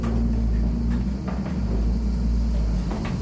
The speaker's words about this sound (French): Donc ça, c'est voilà, le moulin se met un peu à tourner, on l'entend. Voilà. Dans le frottement des meules aussi.